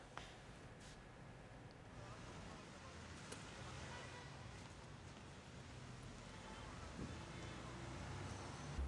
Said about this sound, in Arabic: دوران محرك هذه المولدة الكهربائية الضخمة